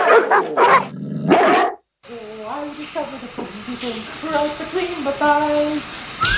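Dogs let out a couple of loud, rough barks, then after a brief silence keep up a run of higher, whiny yelps and howls that rise and fall in pitch over a hissy background.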